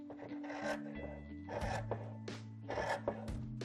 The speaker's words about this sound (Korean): 이제 이두 겹의 원단을 한 번에 잘라줄 건데, 원단이 움직이지 않게 시침핀으로 군데군데 고정을 좀 해줄게요. 이제 시접선을 따라 가위로 잘라줄게요.